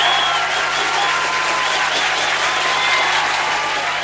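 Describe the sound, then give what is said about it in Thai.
Sustained applause welcoming the host on the Thai radio station LTM FM 95, a dense steady patter of many hands clapping at an even loudness for several seconds with no voices rising above it. “ต้องมีเสียงปรบมือต้อนรับกันสักนิดนึง”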